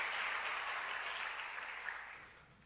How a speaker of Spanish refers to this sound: Un aplauso para este varón que me ayudó también.